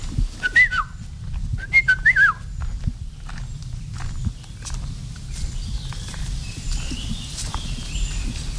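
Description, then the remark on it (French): A yellow-and-black bird in the forest canopy gives a clear whistled song in two short, fluting phrases near the start, over steady low rustling and footstep-like thuds in a forest, with faint chirps afterward. “Et si on pouvait le voir, souvent on ne le voit pas, il est dans la canopée, c'est un oiseau jaune et noir.”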